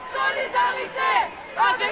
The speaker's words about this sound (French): quelques 56 000 personnes étaient présentes lors des rassemblements entre la place de la République et la place de la Nation